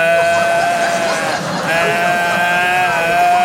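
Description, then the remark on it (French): A person's voice imitates a bellowing stag, mimicking how they cried out during a two-day childbirth: one loud, drawn-out, throaty cry held for several seconds, wavering and briefly dipping in pitch midway before swelling again. “2 jours que j'étais là, bramé comme un cerf. Comme ça que j'étais là.”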